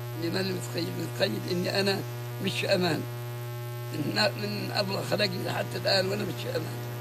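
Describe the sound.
A steady, droning buzz of an Israeli military drone flying overhead in Gaza hangs constantly in the background, low and unbroken, while a 90-year-old man speaks in bursts over it.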